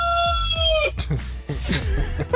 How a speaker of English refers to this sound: Wait, what's the rooster's name? The one who just crowed, Lightwing.